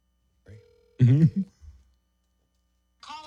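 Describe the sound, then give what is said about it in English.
A phone line rings out with one short, steady electronic tone as a call is placed to Ice Cube, quickly cut off by a loud burst of voice; after a pause, someone starts talking again. “Okay, let's see if Cube the Great will answer.”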